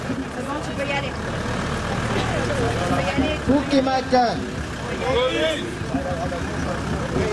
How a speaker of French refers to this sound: Le camion recule dans la foule.